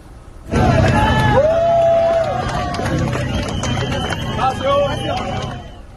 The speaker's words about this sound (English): The cheers, understandable, of course, crews erupting in applause, celebrating one of the most dramatic rescues of this disaster.